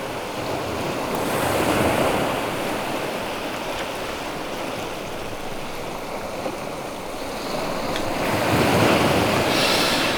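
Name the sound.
ocean waves and surf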